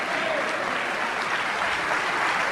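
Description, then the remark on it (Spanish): Sustained applause from an audience for the King of Kings, a dense, steady wash of many hands clapping at an even, fairly loud level throughout, with no voices standing out above it. “Si ese aplauso es para el Rey de Reyes.”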